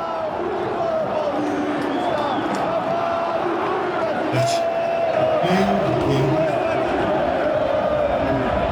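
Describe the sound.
A huge football crowd at the Morumbi stadium roars and chants steadily in the second half of a São Paulo match against Boca, with the Boca supporters louder, a dense wall of voices that stays loud throughout, with occasional sharper shouts and whistles rising above the din.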